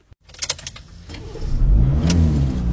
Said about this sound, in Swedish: Jag gillar att köra bil. Just nu är jag, precis som många andra, på väg genom Midsommarsverige.